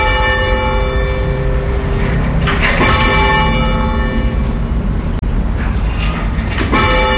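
Church bells peal loudly and continuously, overlapping strikes ringing out with long, shimmering tones that fill the whole stretch without a pause, no voices present.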